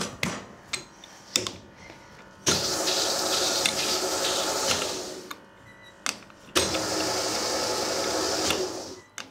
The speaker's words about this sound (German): Konditorinnen rollen den Teig nicht mit einem Rollholz aus. Sie arbeiten mit einer Teigausrollmaschine. Die Stärke lässt sich maschinell einstellen. Und die Konditorin kann den Teig schnell hin und her fahren, bevor er zu warm wird.